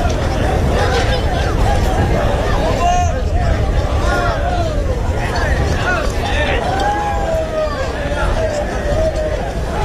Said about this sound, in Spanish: Sonido de ese encierro del pilón con vacas de Pedro Domínguez que han volado por el recorrido, prácticamente 50 segundos de encierro